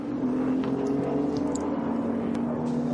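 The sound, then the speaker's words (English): An LMP3 race car engine drones steadily at a sustained, buzzy pitch as it drives around a smooth track on a fairly warm day, loud and continuous with slight wavering for the whole three seconds, no voices over it. “It won't be the most comfortable cars to drive, an LMP3 car around here, although the track, as we've said, is super, super smooth.”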